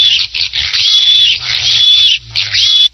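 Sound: pig grunting sound effect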